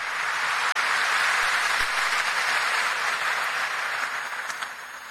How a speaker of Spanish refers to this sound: Y a cada una de las delegaciones presentes, movimientos, familias presentes, feliz estadía aquí en Cacupé. Un fuerte aplauso para todos por esta hermosa presencia.